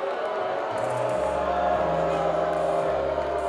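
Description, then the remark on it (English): A large baseball crowd at PK Park in Eugene boos in a steady, low, sustained drone that swells after the first second and holds, over a constant wash of crowd noise with no clear speech. “Now you hear the boos from this lively crowd here in Eugene tonight, rather.”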